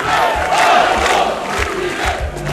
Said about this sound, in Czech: Stotine pristaša skandirale su Aleksandru Vučiću u nedjelju pred zgradom predsjedništva.